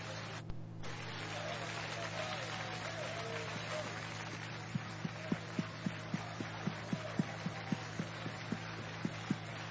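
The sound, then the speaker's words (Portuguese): An audience claps hands in a steady, even rhythm to welcome a man of God and give glory to Jesus, starting partway through, the beats fairly quick and distinct over a constant low hum and wash of crowd noise. “Vamos receber o consagrado homem de Deus com palmas e glória para Jesus.”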